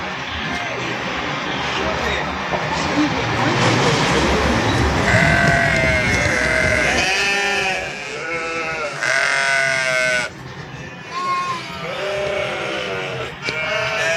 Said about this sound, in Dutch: Honderden schapen en lammen. En ze gaat dus vandaag het veld in.